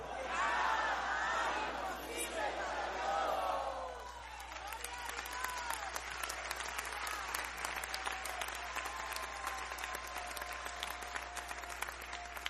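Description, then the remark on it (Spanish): A large audience shouts together at full volume for a few seconds, shouting "Porque nada hay imposible para Dios" in Spanish on a count of three, then the voices drop away into steady, sustained applause with scattered cheers. “Voy a contar tres y usted lo va a gritar a todo pulmón.”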